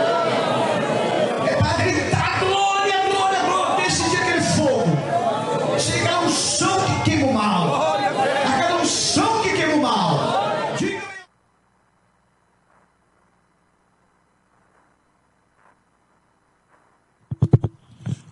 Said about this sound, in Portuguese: Agora vocês vão gritar, mas é, não é falar, não é gritar até o fogo chegar em vocês aí.